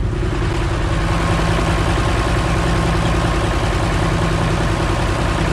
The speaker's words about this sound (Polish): Słyszą już państwo na pewno silnik naszej lokomotywy, która zawiezie nas w drogę powrotną do Piaseczna, bo oto oficjalnie pociąg do radia 2026 uważamy za zakończony.